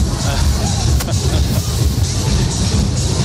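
A big parade float truck playing music rumbles steadily, its deep engine drone filling the street, with a busy outdoor crowd murmuring around it.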